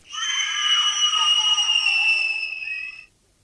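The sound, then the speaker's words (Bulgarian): A shrill, piercing child's scream holds steady for about three seconds, loud, then cuts off abruptly. No talking is heard. “Чуваш ли ги? Чуваш ли ги как крещят?”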